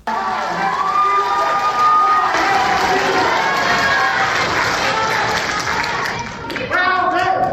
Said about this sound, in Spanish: Mientras que en Zacatecas la dirigencia informó que la senadora con licencia Verónica Díaz Robles había ganado la encuesta, se escucharon nuevamente los gritos de fraude y muera el monrealismo.